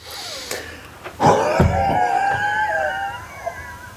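A retired man blows out as hard and long as he can in a lung test at a lung day event in Åbybro, a strained, breathy rush of air with a groaning, voiced edge that starts with a sudden burst and holds for several seconds.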